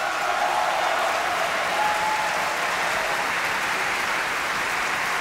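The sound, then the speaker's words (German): Sustained, dense applause from a large audience cheering Sii Dai as Zerbinetta, steady and loud throughout, with a few faint cheers rising above the clapping. “Jubel für Sii Dai als Zerbinetta.”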